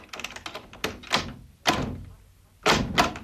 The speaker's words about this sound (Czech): Dveře. Přece je nenechám otevřené.